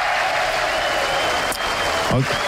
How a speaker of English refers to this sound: I think I'm giving you the applause for that because... Yeah. Because it's advanced level pun right there.